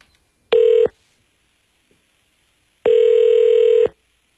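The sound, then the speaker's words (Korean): A telephone ringback tone sounds twice over the line as a call is placed to a listener, a brief burst followed after a pause by a longer steady buzz, loud and clear with no voices. “5개 가져갈 주인공 누군가요? 전화 갑니다.”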